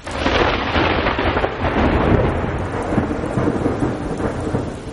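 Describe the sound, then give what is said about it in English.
A heavy thunderstorm rumbles continuously, deep rolling thunder beneath a dense, steady roar of pouring rain hitting the surface, loud throughout with no voices. “You know, the thunder, the lightning, the water, the heavy rainfall hitting the surface, all those things can serve as cues and let the toads know that, hey, the pools might be refilling.”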